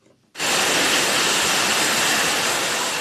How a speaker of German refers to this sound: Hier rasen gerade Wasserflaschen übers Förderband. In Sekundenschnelle befüllt eine Maschine die leeren Flaschen mit Mineralwasser. Dann kommt noch ein Etikett drauf.